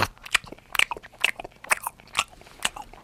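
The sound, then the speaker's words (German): A person imitates a koala munching eucalyptus leaves, making a series of about seven sharp, crunchy chewing and biting noises at an uneven rhythm, with no talking in between. “Der isst Eukalyptusblätter.”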